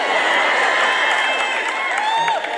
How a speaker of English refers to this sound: Did you hear them clapping and cheering?